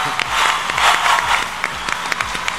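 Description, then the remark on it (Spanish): A crowd claps steadily, with dense, crackling applause and a few sharper individual claps standing out, holding fairly even in loudness from start to finish. “Si quieren aplaudir, adelante.”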